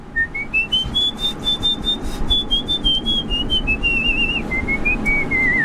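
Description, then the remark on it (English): A person whistles a very high, thin tone that rises and gently wavers, held almost continuously for several seconds with a slight fall near the end, over a faint low background rumble. “I can whistle really high just on.”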